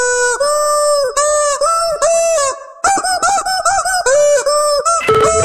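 A heavy rock riff rendered entirely in loud, squawking chicken-like honks for a radio station's song-guessing challenge, the notes stepping up and down in a chugging rhythm, with a brief pause partway through and no voices.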